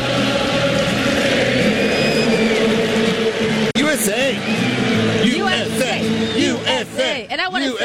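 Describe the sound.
A huge stadium crowd sings along in unison, a loud, dense wash of many voices with rising and falling melodic swells, briefly broken by a sharp pause before the chorus surges again.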